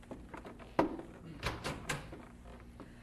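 Late at night, a man returning home makes a few soft, uneven footsteps that thud on a wooden floor outside a cabin door, then the door creaks and clatters open, fairly quiet, with no one speaking.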